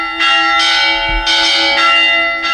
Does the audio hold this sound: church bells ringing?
yes